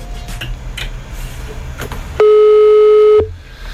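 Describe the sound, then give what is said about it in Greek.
A telephone ringback tone sounds once, a loud steady electronic beep lasting about a second and standing out clearly over quiet background noise as the outgoing call rings. “Όχι, μπορεί να μιλάει στο τηλέφωνο. Ξαναχτυπάει.”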